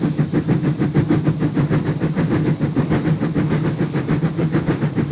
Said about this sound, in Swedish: Jag tog med några ljudburkar så ni får höra. Så här låter ett gammaldags tuff-tuff-tåg.